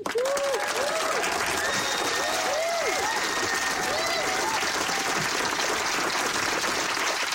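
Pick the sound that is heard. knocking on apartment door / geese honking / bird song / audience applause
audience applause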